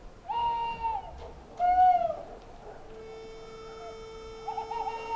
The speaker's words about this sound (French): Il y a toujours cet oiseau premier. Le premier à lancer les feux de l'aurore. Un premier bec d'où jaillit le jour. Discrètement. Il appelle les autres becs à s'ouvrir.